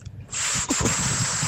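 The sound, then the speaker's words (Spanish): A person imitates their father's call by blowing air through pursed lips in a failed whistle: a steady breathy hiss lasting over a second with a brief dip midway and no clear tone. “Ni sabía silbar, nada más hacía como que respiraba aire por la boca y hacía su trompilla y...”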